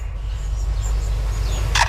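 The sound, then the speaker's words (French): A lyrebird in Australia mimics a camera shutter with a short, sharp mechanical click near the end, set against a steady low rumble and faint high chirping. “cet oiseau lire qui imite à la fois un appareil photo et ensuite une alarme de voiture”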